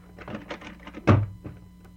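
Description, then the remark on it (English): A back door is handled with faint rattling and creaking, then shuts with one solid thud before it goes quiet again. “Come on out the back door and we'll have a good look at her.”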